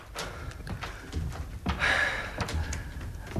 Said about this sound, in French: Y a pas de porte. Si. Eh ben alors ouvre. Referme. Pousse les verrous.